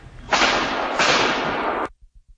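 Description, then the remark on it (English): A rapid burst of gunshots from a drive-by shooting on Simons Drive, Baltimore County, recorded by a doorbell camera just before 6:30 on a Thursday night, rattles off in a loud, nearly continuous volley lasting about a second and a half, with a brief renewed surge midway, then cuts off to a few faint thumps. “new doorbell camera video captures the sound of rapid gunfire when police say a 16 and 19-year-old were shot in a drive-by shooting.”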